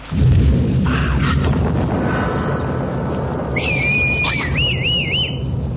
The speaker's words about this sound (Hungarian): Dörög az ég.